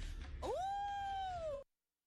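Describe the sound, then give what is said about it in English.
A single human voice imitates a wolf howl: a sustained tone that swoops upward, holds steady for about a second, then dips slightly as it ends. It is fairly loud, with no other sounds. “And a wolf?”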